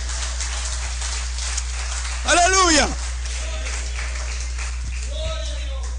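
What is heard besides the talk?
audience applause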